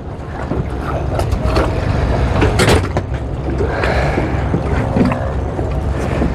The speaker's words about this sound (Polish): Wsiadamy na łódkę. Łódź porządna. Opa.